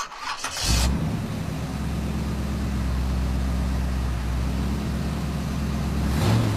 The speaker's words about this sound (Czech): Osobní auto, ano.